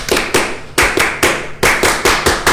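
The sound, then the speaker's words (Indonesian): Scouts from SMK 2 Batam in Batam perform the scout clap (tepuk pramuka), the sharp group claps landing in a patterned rhythm of quick pairs and short runs with brief pauses between. Loud, and no talking. “Kasih dong satu kali lagi tepuk pramukanya. Tepuk pramuka.”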